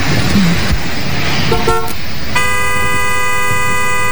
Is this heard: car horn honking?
yes